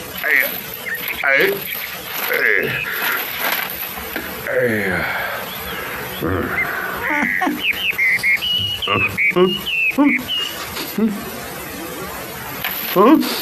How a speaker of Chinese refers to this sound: 妖怪，妖怪！啄木鸟啊！